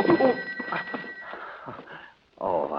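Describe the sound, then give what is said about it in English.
A telephone rings with a steady, high electronic trill that carries through the first half, while voices talk over it, then fades before a louder burst of speech. “But I can't just let it ring.”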